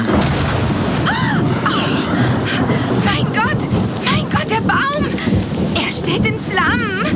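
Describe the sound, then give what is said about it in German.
A violent thunderclap from lightning striking an old tree rolls into a sustained roaring rumble with crackling bursts, loud throughout, while high wavering whistle-like tones sweep up and down above the din. “Dieser blendende Lichtstrahl. Diese gewaltige elektrische Entladung.”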